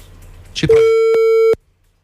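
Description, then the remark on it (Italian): A telephone busy tone sounds on a failed call: a brief rustle, then one loud, steady electronic beep lasting under a second, cut off sharply with a click, followed by silence. “Basta che non parte la segreteria telefonica, perché no. Nada.”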